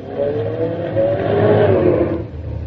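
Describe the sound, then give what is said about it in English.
A car engine revs steadily and fairly loud during a driving test as the driver tries to park between two cars, its pitch rising and falling as the vehicle moves, with a low rumble and faint clatter underneath and no talking. “The inspector wants to know if you can park the car,”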